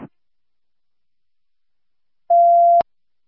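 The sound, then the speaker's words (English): A radio dispatch hold alert tone, signalling to keep the radio clear, sounds once, a steady mid-pitched electronic beep lasting about half a second that cuts off with a sharp click. The rest is near silence. “keep the radio clear, hold tones, please.”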